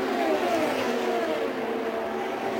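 Castro Neves's fourth-place race car crosses the line, its loud, high-revving engine whining steadily as it passes, its pitch gliding gradually downward, with a constant roar throughout and no voices.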